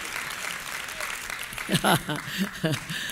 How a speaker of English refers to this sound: You're good? Okay, go ahead and clap. That's good.